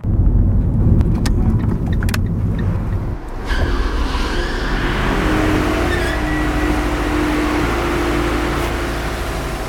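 A car engine rumbles as the vehicle rolls slowly up to the automatic barrier of a multi-storey car park on Wschodnia Street in Łódź, Poland, with a brief pause in the noise before the steady idling drone continues, no voices present.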